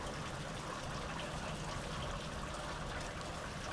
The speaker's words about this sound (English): You are listening to Framework, coming to you here from the summer rains of Southeast Estonia.